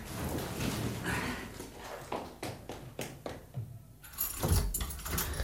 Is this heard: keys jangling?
yes